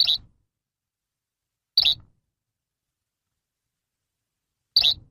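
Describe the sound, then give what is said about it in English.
A yellow-bellied flycatcher gives three short, clear calls, spaced a couple of seconds apart, each one a quick high note with silence between them. “we're talking about flycatchers that have made their way back to the valley, and the yellow-bellied flycatcher is one of these.”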